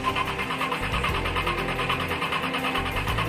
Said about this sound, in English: Unless you're driving at Talladega Speedway, your car is not made to operate at full throttle all the time.